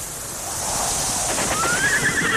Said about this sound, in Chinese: 草原